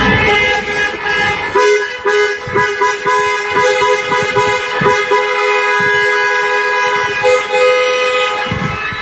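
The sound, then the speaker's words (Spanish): Many car horns blare together in a loud, continuous chorus, with sustained overlapping blasts punctuated by short repeated toots and no talking, from a vehicle procession with an open-top bus celebrating a match win, driving from el Cerro to Paseo San Gregorio. “Y una vez finalizado el partido, procesión de vehículos desde el Cerro hasta el Paseo San Gregorio, una rúa, un autobús descapotable, bufandas ondeando el aire por las ventanillas y desde luego la esperable banda sonora.”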